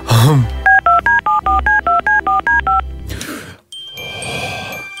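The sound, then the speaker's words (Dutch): A rapid run of about eleven telephone keypad tones as a top artist's phone number is dialed for the radio show Goedemorgen Morgen, each a short, loud two-pitch beep, followed by a click and a brief burst of line noise. “En die topartieste van bij ons, daarvan hebben we het telefoonnummer natuurlijk.”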